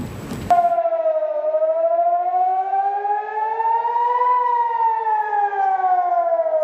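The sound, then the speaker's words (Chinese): An air raid siren wails steadily in northern Israel on the evening of 7 June during an Iranian missile attack, its tone slowly rising and then gently falling in a long, sustained sweep. The sound is loud and continuous, with no voices over it. “当地时间6月7号晚，以色列北部多个地区拉响防空警报。”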